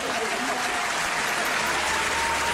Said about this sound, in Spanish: Un aplauso para el príncipe.